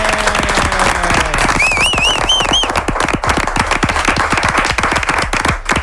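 Steady, dense studio applause from many hands clapping for several seconds, with a brief high, wavering whistle rising above the clapping partway through.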